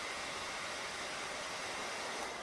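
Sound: hair dryer blowing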